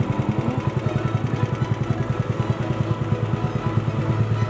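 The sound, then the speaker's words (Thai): A small boat engine chugs steadily, its rapid, even putter continuing throughout with no pauses, as the boat goes out on Khlong Phra Khanong canal to collect fish traps set under a bridge, with no talking. “ทุกวันหยุดจะขับเรือลำเก่งพร้อมอุปกรณ์ใส่ปลาออกไปกู้รอบที่ดักไว้ใต้สะพานในคลองพระโขนงครับ”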